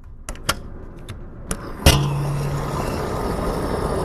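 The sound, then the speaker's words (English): Outdoor gas station ambience: a few sharp clunks and clicks, then a car engine starts and settles into a steady idle rumble with a low hum. No one speaks. “I'm here at the gas station right now”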